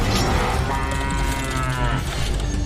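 A cow lets out one long, drawn-out moo, a low, droning call that swells and then fades. It is loud and clear, with no one talking over it.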